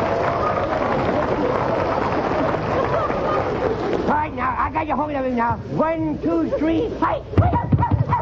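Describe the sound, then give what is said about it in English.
A puppy barks and yips in quick, rising bursts, following a few seconds of steady rushing noise, with voices mixed in among the yelps. “Now the dog is out again.”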